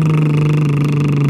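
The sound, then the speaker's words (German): A voice makes a steady, buzzing lip trill on a single sustained, comfortable pitch, imitating a car engine, as part of a voice exercise. It's fairly loud, holding evenly without a break for the whole moment, with no speech. “Das wäre dann ganz normal wie ein Auto.”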